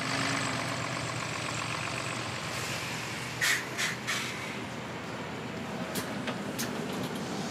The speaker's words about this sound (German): Ah, wie hab ich das gemacht? War super, oder was? Ich bin Bus gefahren.